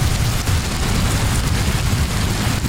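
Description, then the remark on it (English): Heavy rain falls in a steady, unbroken wash of hiss, with a dense low rumble underneath and no pauses or voices throughout. “Yeah, rain, something most of the UK hasn't seen in weeks.”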